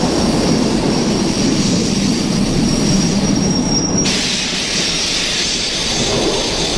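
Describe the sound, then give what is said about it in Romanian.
A train rumbles steadily as it brakes to stop at a station, a high, thin wheel squeal ringing over it for about four seconds, then cutting out, leaving the low, continuous rolling noise of the cars. “Ai avut noroc că a oprit în stație.”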